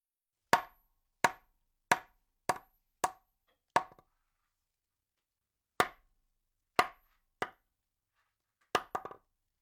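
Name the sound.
knocking on a door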